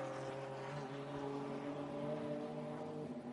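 TCR touring race cars, including a bright orange car, accelerate out of the final turn, their engines blending into a loud, steady roar with several sustained, layered pitches and no voices.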